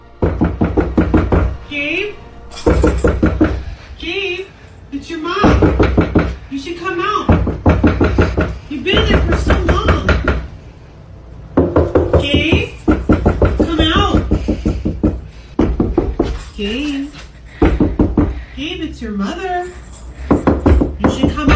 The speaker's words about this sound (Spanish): en el momento en el que ella, esta chica, sabiendo que no había nadie en la casa, pregunta a aquello, fuera lo que fuera, que está llamando a la puerta, entonces, ¿cuál es tu nombre?